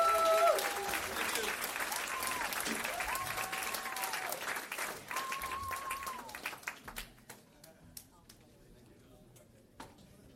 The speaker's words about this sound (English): Wow, I think we should give him one more round of applause. That was pretty incredible.